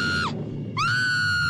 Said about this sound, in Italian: Oddio, che? Perché quel grido, cara? Ti ha fatto impressione?